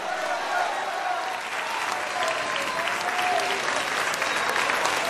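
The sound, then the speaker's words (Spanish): Sustained, steady applause from a large worshipping crowd, offered to the 'King of Kings', fills the space, dense clapping with a few faint voices calling out beneath it, loud and continuous throughout. “Fuerte ese aplauso al Rey de Reyes.”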